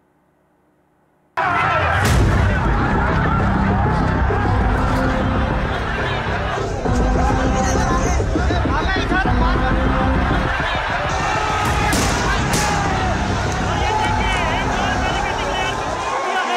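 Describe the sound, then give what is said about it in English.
After a moment of silence, a loud, dense crowd of protesting students erupts as they march towards the assembly in Ranchi, many overlapping voices shouting and chanting over shuffling feet and street commotion, continuing steadily throughout, amid lathi charges, water cannons and tear gas. “drama that unfolded in Ranchi yesterday as protesting students marched towards the assembly braving lathi charge, water cannons and tear gas.”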